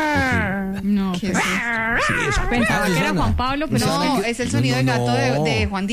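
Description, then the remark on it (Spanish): A voice imitates a small pinscher dog, with continuous high, wavering whimpers and short yips rising and falling in pitch, fairly loud throughout the six seconds. “No, es como un pincher, creo yo.”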